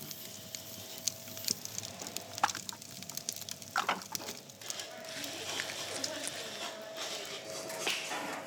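Steady sizzling and hissing as all the water in fruit pulp boils off within seconds on the red-hot plate of a simple dryer that works without electricity, used in an island village to make oil, with scattered crackles and pops throughout, moderately loud, growing denser toward the end.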